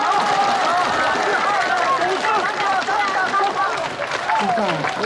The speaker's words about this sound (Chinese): 掌声不要停啊。